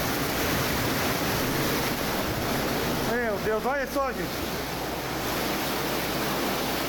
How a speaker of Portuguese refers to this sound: Alagou tudo minha casa, pesado. Olha aí. Olha a situação aqui. Esse barulho é a água. Olha aqui, gente. O que eu vou fazer, gente? Pelo amor de Deus. com a minha casa, gente. Aí. Olha a altura da água, gente, aqui na minha casa, gente, atrás de casa.